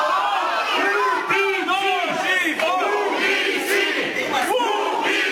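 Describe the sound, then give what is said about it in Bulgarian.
A dense, loud crowd of protesters cheers and shouts together after a court ruling is announced that two accused girls remain in custody, overlapping voices rising in rolling waves that stay continuous throughout. “Протестиращите избухнаха в овации след съобщението за съдебното решение, че двете обвиняеми момичета остават в ареста.”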